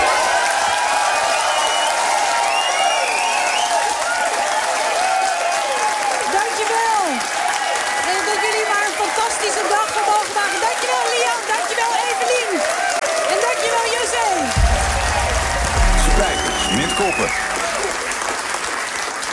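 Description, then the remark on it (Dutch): A large standing audience gives loud, sustained practice applause, dense steady clapping mixed with cheers and whoops throughout, with a brief low thump near the end. “En jullie ook staan, dan doen we het gewoon even een beetje voor wat voor belachelijk applaus je dan krijgt als je daar straks op het podium staat en iedereen gaat helemaal uit zijn dak.”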